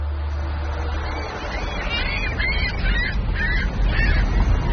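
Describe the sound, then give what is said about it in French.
Several gulls call from a port quay in a loose series of harsh, nasal cries over a steady low rumble of wind or harbor noise; no one speaks. “Ah, il y a quelques goélands.”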